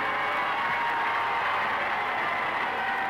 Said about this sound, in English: The nervous tension of the last few days begins to relax as the prince and princess leave the cathedral to greet their cheering people.